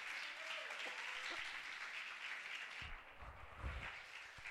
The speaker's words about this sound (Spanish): ¿Cuántos son felices por eso, hermano? Dele un aplauso al Señor, hombre.